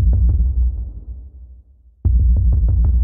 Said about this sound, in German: Das heißt, ich habe auf dem Schreibtisch rumgetrommelt. Dieses du-du-du-du, du-du-du-du-du-du war das, was mir erstmal einfiel, was ich aus Spaß auf diesem Schreibtisch ausprobiert habe.